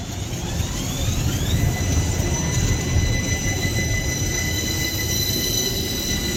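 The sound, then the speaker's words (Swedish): A tram rolls steadily along its rails with a continuous low rumble, thin metallic wheel squeals gliding and holding high above, sustained throughout, with no voices. “Här tror vi på spårvagn.”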